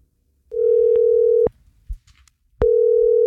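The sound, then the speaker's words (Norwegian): A telephone ringback tone on an outgoing call made in the morning from the radio station Jærradioen to a participant in a school-class dream-day contest: two steady, single-pitched buzzing tones, each about a second long, separated by a short pause. Clear, with no talking. “I dag tidlig så ringt Rogvi, en av dem som meldt på I den her drømmedag-konkurransen vi har, der en skoleklasse kan vinne en drømmedag med masse kule aktiviteter.”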